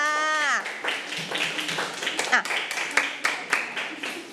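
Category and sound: crowd, students clapping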